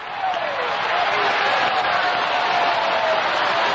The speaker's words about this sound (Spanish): Sigue aplaudiendo ahí. Se va a sanar aplaudiendo, se va a libertar aplaudiendo. Aplauda ahí, aplauda ahí.